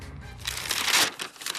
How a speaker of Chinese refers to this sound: 客厅里，李济深打开了毛泽东给自己的亲笔信，不禁有些激动。没想到啊，毛泽东先生还记得我。他将信纸展开，毛泽东刚劲有力的字映入眼帘。